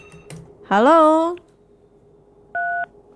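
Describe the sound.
A couple of soft clicks and a brief voiced sound, then a single short two-tone telephone line beep rings out clearly against a quiet background as a listener's call is taken on the radio station 88.4 FM Pro 4 Palembang.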